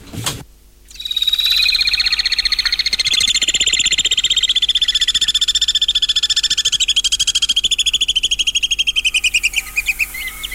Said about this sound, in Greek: Λοιπόν, αυτά είναι τα πουλάκια που τα βλέπουμε πάνω από το πεδίο του Άριος. Δεν είναι. Είναι οι βουνοσταχτάρες. Βουνοσταχτάρες. Είναι ένα είδος ταχτάρας ή πετροχελίδωνου, όπως το ξέρουν οι παλιοί. Είναι το πιο μεγάλο.